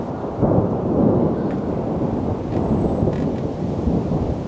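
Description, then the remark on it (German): Deep, continuous rumbling of thunder from an approaching storm as dark thunderclouds gather over a treetop walkway in a broadleaf forest, rolling on for several seconds, loud and broad, with no voices present. “Dunkle Gewitterwolken ziehen auf. Falls sich ein Gewitter direkt über dem Baumkronenpfad befindet, muss der Rundgang geräumt werden.”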